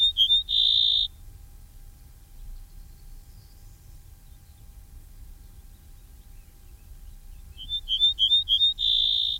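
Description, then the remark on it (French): An ortolan bunting sings two short phrases separated by a quiet gap: clear, high whistled notes repeated in a quick series, each ending on a longer, sustained note, over a faint low rumble. “Si Christophe écoute cette émission, il va être surpris d'entendre l'ortolan dans son jardin.”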